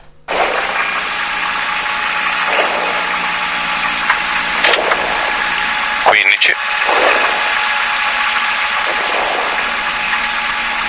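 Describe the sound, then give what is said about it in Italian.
Loud onboard rally car engine roaring continuously during a shakedown, revs rising and dropping in repeated sweeps with sharp gear-change cracks, recorded inside the car with a voice calling out pace notes over it. “vediamo che cosa è successo durante lo shakedown. Salite in macchina con noi, volume a palla, andiamo.”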